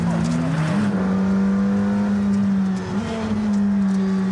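Loud, steady McLaren sports car engine drone heard from inside the cabin of the car named after Ayrton, a deep humming tone with rich harmonics holding nearly constant pitch, with a slight dip and rise partway through.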